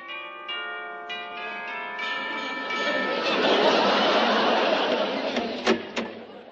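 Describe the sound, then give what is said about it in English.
A door chime at a small house with a garden in Kew Gardens rings out with a few bright, sustained tones that overlap and fade, followed by muffled shuffling and rustling, with a couple of sharp knocks near the end. “I stepped gingerly over the gypsy tea roses in her garden and rang her chime.”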